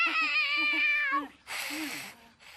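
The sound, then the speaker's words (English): A cat being hugged lets out a long, wavering yowl of complaint that bends in pitch, followed by a burst of harsh, breathy hissing noise. “Turns out kitty does not want the hug!”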